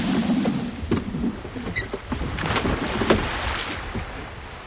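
A boat being pushed back off into the sea: water washes and sloshes steadily while wood scrapes and knocks sharply a few times, with no voices.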